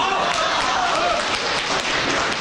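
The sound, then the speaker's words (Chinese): Steady, dense applause from an audience, a continuous wash of many hands clapping at an even, fairly loud level throughout, with no individual claps standing out. “好， 您还得鼓掌呢。”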